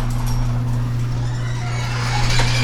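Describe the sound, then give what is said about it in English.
A garage door opening, heard as a steady low motor hum and drone with faint rattling, continuous throughout with no talking. “Opening the garage door.”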